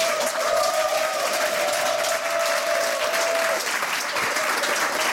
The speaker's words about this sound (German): Bitte begrüßen Sie mit einem frenetischen, von Herzen kommenden Applaus.